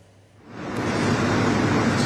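Sea waves rush steadily around a fishing boat leaving the Kireçburnu shore in Sarıyer on the Sea of Marmara as fishing resumes after the seasonal fishing ban, swelling in after a quiet moment into a loud, continuous wash of water noise, with no voices.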